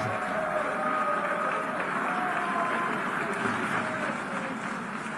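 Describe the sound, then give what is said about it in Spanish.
A large audience in the United Nations General Assembly hall boos and jeers as Israel's prime minister is invited to address the assembly, a dense, continuous roar of many voices that stays loud and steady throughout without letting up. “Esto es la abucheo ya.”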